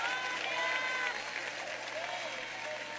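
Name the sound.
audience applauding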